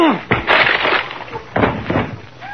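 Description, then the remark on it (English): A loud splintering crash of wood as a wooden door with no knob on this side is smashed open by a person lunging at it, followed by a second burst of cracking and crunching debris, with a brief voice at the end. “I'm going to lunge at the door.”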